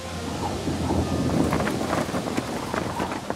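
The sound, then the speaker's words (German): Heavy rain pours down steadily with a low rumble of thunder underneath, a dense, continuous wash of noise with crackling spatters throughout, no voices present. A sudden summer downpour at the Waginger See lake during an outdoor lakeside concert. “Als es zu stark regnet, muss er doch eine Pause machen.”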